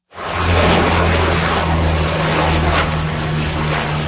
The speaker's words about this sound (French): La lutte contre le feu vient entre autres du ciel. Des avions, dont des Canadair, effectuent des largages sur de larges zones.